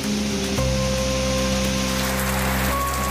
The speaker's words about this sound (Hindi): फिलहाल तो लगातार आसमान से बरस रही ये बरखा बहार गर्मी से राहत देते हुए इन चारों धामों में थोड़ा सर्द लेकिन सुहावना माहौल यहाँ आने वाले लोगों को दे रही है।